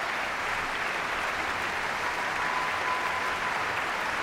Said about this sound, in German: Bravo-Rufe aus dem Publikum.